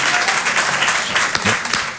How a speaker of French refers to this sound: Moi aussi, je m'applaudis, parce que...